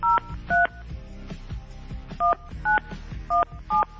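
A phone number is dialed: six crisp touch-tone beeps, two quick ones, a short pause, then four more, over a faint low rumble with no one speaking.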